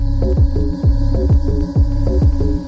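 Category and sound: household object, electric fan running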